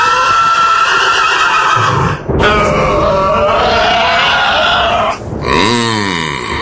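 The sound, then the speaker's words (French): A horse neighs loudly in several strained, harmonic bursts, ending in a shaky, wavering whinny that rises and falls. No one speaks. “Se faire renverser de son cheval.”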